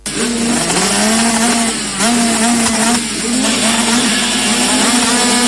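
Loud, continuous engine roar from motorcycles revving and rising in pitch, with dense overlapping mechanical whine and no voices; motorcycles of the Entre Ríos enduro cross championship at the La Tijereta MX circuit in Nogoyá.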